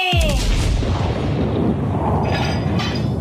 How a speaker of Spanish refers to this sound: El cañonazo falló. No me sale nada bien últimamente. Pasó silbando junto al barco de Barnett. No le dio a nadie y se hundió en el mar.